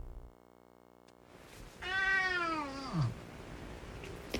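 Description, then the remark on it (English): A cat lets out a single drawn-out, loud meow that sags downward in pitch and trails off into a yawn, with faint background hum before and after. “What do you call a meow that ends as a yawn?”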